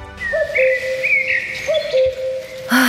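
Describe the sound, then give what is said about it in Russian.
A cuckoo calls its two-note 'cu-coo' about three times in a steady rhythm, clear, with no other voices around. “Кукушка, кукушка, сколько лет нам копить первый взнос на квартиру в первом ДСК?”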